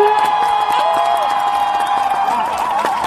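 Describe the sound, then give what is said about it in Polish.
At the Polish championship in imitating bird calls, a crowd bursts into steady, dense applause as the winner is announced, many hands clapping at once, with a few sustained voices or whistles ringing over the clapping throughout. “Brawa!”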